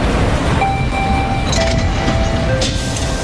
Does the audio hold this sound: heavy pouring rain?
no